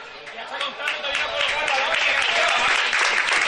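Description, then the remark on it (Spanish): A football crowd at a Bollullos versus San Roque match applauds the player Peter as he heads off to the dressing rooms, a dense, even patter of many hands clapping close by that swells slightly and holds at a strong level throughout, with faint murmuring beneath. “Peter que recibe, se marcha a los vestuarios y recibe el aplauso del público que tenemos aquí cerquita.”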